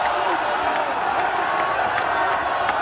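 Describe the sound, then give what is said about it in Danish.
A football crowd in the USA cheers loudly and continuously at a World Cup match, a dense roar of many voices with sharp whoops and shouts popping out above the steady din. “Og her i de tidlige morgentimer dansk tid, så prøvede jublen altså virkelig for alvor løs i USA.”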